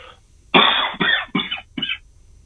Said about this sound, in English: Yeah, trying to cover up on that cough.